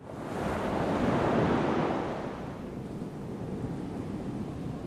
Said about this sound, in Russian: Стояли теплые солнечные дни. Воды Атлантического океана лениво набегали друг на друга, подгоняя нас к Антарктиде.